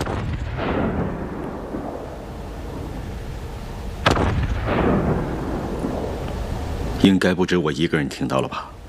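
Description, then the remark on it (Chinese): Two heavy artillery blasts from Japanese guns shelling Wanping city on the night of 7 July 1937, each a sharp boom trailing into a long low rumble, a few seconds apart; a voice begins speaking right after the second rolls away. “应该不止我一个人听到了吧？这是炮声。”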